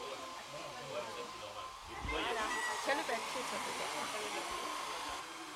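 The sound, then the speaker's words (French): A hair dryer blows steadily with a broad, rushing whoosh that grows a bit louder partway through, while voices talk faintly underneath. “Il faut laisser sécher, utiliser d'accord. Le sèche-cheveux.”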